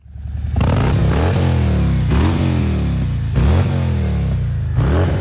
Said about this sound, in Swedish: Det är alltså 900 motorcyklar och det är alltså amerikanska Harley Davidson, och i public service så kan man ju säga att det går med andra motorcyklar också.